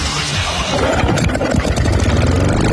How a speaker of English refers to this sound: Lawnmower struggling to make the cut?